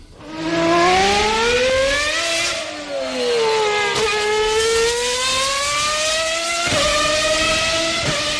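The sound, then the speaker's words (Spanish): Formula 1 cars scream past with loud, high-pitched engine whines that climb and dip through sharp gear changes, roaring continuously for several seconds without any voices. “Dos, coches de Fórmula 1.”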